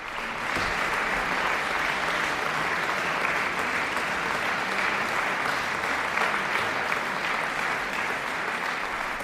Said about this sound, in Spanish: Y a estos aplausos del público, las intérpretes respondían con un bis, Mélodie, la última de las tres piezas que componen Souvenir d'un lieu cher o Recuerdo de un lugar querido, el opus 42 de Tchaïkovski.